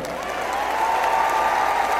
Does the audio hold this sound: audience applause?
yes